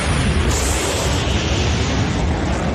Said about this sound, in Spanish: El avión rompiendo la barrera del sonido.